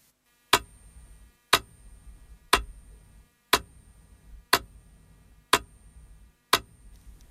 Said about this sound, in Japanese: その速さは1秒間に1回。音楽的に言うとね、 BPM60 ってことになるんですけど、まずはどんなリズムかメトロノームの音で聞いてみましょう。